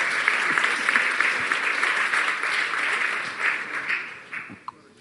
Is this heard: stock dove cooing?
no